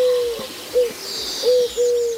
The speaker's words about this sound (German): Das ist eine sogenannte Türkentaube. Gibt's wirklich? Klingt auch ein bisschen anders als normale Tauben.